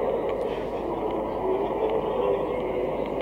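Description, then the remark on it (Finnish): A train in Romania starts to pull away, producing a steady, continuous rumble with a faint squealing tone on top. The noise stays moderately loud and even throughout. “Tässä se juna just taitaa lähteekin.”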